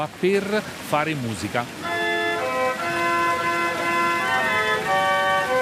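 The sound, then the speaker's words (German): Water-powered organ music from pipes hidden behind a grille in a niche, played every two hours: a few quick sliding, whistle-like tones give way to steady, sustained organ chords held over a constant hiss of rushing water, moderately loud. “Alle 2 Stunden ertönt die Orgel heute.”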